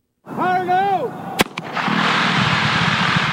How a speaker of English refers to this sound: To install one 6.5-mile pipeline, workmen set off a dynamite blast last week, breaking up rock that was in the way.